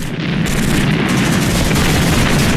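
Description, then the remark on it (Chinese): Continuous battle noise with dense rumbling booms and crackling gunfire filling the whole stretch, loud, with no clear pauses and no voices. “可是枪声未歇，任务再见，曾国兴只能带着战友的信念继续向前，继续战斗。”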